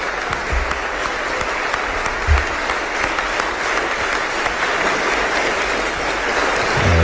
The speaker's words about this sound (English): Well, look, Andy Burnham is just taking to the stage there in Manchester. We believe he will start speaking very shortly. That is him being applauded, which is, you'd hope, not unexpected from his perspective.